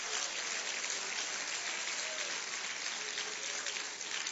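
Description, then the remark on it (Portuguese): An audience applauds steadily, a dense wash of many hands clapping at a fairly even level throughout, with no voices rising above it. “Isto, desocupe as mãos e pode aplaudir, pode.”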